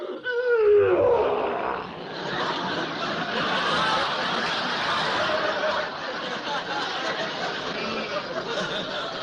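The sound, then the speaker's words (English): A lion growls in a long, rough, rumbling snarl that rises sharply at first and then holds steady for several seconds, loud, with no one speaking. “I think the lion is hungry.”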